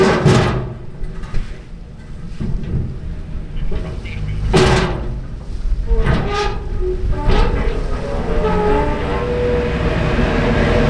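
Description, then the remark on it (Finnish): The Finnö ferry pulls up to the pier at the Ruslaks connecting-ferry landing in Houtskär, Parainen, on a slightly windy summer day: a heavy, steady low engine rumble with a few sharp metallic clanks and bangs breaking through around the middle, all under a constant wash of noise. “Täällä vähän tuuleksi ja tuolta saapuu Finnö-alus ihan justiinsa laituriin.”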